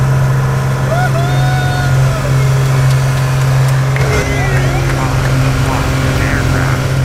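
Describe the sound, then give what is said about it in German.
Steady, loud engine drone fills the cabin of a small airplane on a round flight carrying three passengers with disabilities, a deep constant hum that never lets up, with muffled voices briefly surfacing beneath it. “So hat es heute in einem kleinen Flugzeug in der Luft hoch über Grenzen getönt.”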